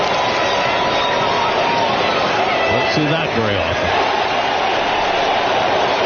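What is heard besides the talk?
ballpark crowd cheering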